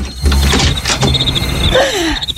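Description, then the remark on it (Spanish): Some moderately loud rattling and knocking at a door, then a drawn-out, wavering creak as it swings open. “Vamos, déjenme abrir la puerta.”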